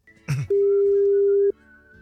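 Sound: telephone ringing tone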